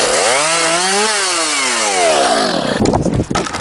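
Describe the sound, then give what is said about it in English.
A chainsaw used in storm cleanup revs up and its pitch rises, eases off, then bites into wood with a rough, loud sputtering buzz; no one speaks. “Hear that? Your neighbour's trying to tackle a storm cleanup solo.”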